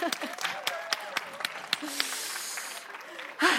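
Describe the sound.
An audience applauds with scattered, irregular claps over a murmur of crowd voices and a few shouts, building to a louder burst at the end.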